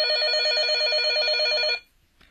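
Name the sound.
telephone ringing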